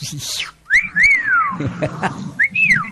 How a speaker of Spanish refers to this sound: Bueno, entonces silbe.